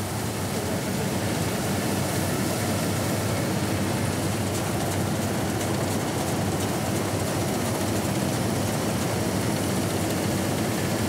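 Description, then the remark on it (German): A combine harvester harvesting oats, with a 1.5-tonne grain bunker, runs its engine in a steady, loud, unbroken drone for the whole stretch, a broad rumbling roar with a dense mechanical hiss on top and no voices. “Mit dem großen Mähdrescher geht das ja nicht.”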